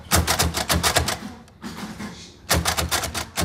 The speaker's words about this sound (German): die Arbeit mit dem Brailler, der zugehörigen Schreibmaschine.